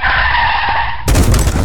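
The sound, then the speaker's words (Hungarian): Car tires screech in a loud, sustained skid for about a second as a car pulls into a garage at about 50 km/h, then cut off into a sudden, heavy crash and clatter as it slams into the garage door. “Szívem, mondtam, hogy ne 50-nel állj be a garázsba. Ennek annyi.”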